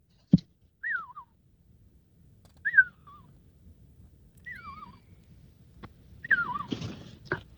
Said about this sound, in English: And can you whistle to them now, …, and see if they'll respond?